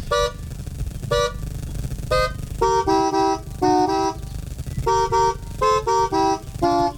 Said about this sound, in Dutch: Zo net hebben we Timmy Toeter eventjes kunnen horen. Die op zijn manier de camping heeft wakker getoeterd.